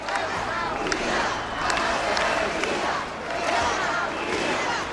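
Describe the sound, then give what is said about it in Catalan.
A large crowd at a rally in the Balearic Islands, Spain, shouts and chants together, with shouts in favour of Spain and chants against President Pedro Sánchez. It is a dense, steady roar of many voices with rhythmic swells and occasional sharper cries rising above the mass. “Els crits en favor d'Espanya, les banderes i els càntics contra el president Pedro Sánchez protagonitzaren la cita.”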